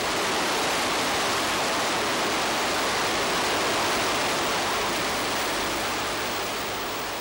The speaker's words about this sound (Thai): ายน้ำอันเชี่ยวกรากเมื่อถึงฤดูน้ำหลากในบริเวณนี้คือส่วนหนึ่งของแม่น้ำยมที่ชาวสุโขทัยขนานนามว่าแก่งหลวง